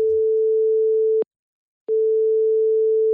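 A telephone ringing tone heard while a call is placed: a steady, single-pitched electronic tone sounds, cuts off for a brief silence, then resumes, clear with no one speaking.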